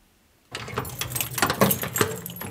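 After a brief silence, keys jangle and clink against the heavy cast-iron door lock of the Lindau lighthouse (Lindauer Leuchtturm) as it is unlocked, a steady run of bright metallic rattles and scrapes with no voices.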